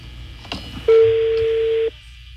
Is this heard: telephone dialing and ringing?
yes